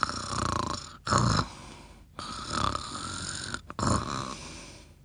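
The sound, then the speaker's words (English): Soft snoring rises and falls in slow rhythmic breaths, about four drawn-out snores with short pauses between, from someone asleep in a soft, cozy bed with head on a pillow, no talking. “He began to snore very gently.”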